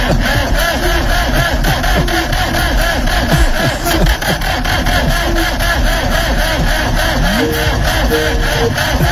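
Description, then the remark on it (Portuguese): A car engine cranks over and over without catching, a steady loud grinding churn with a fast rhythmic pulse that runs the whole time and never settles into an idle. “Ai, essa época do ano começa com esse negócio de motor não virar já.”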